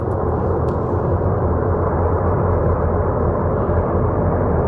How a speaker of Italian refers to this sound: Questo è il rumore, insomma, di questi 10 milioni di metri cubi di roccia, fango, ghiaccio che scendono a valle.